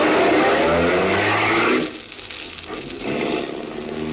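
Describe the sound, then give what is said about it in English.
A car engine roars loudly as it accelerates, the rumble dipping for a moment before building again with a rising hum, no voices. “you run to your car, tell Helene the good news, and step on the gas”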